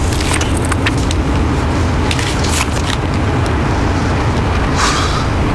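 A steady, loud low rumble of a car driving, heard from inside the cabin, with faint rattles and clicks over the continuous road and engine noise and no one speaking.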